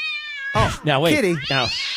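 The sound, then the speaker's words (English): A person on the radio imitates a cat while pretending to feed it a made-up bowl of antifreeze, voicing a high, drawn-out meow followed by a couple of warbling, wavering meows, loud, with no other sounds around it. “Today we learn feeding an imaginary cat a made-up bowl of antifreeze causes actual real emotional breakdowns on the radio.”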